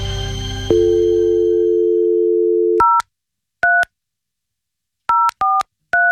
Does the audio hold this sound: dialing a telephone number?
yes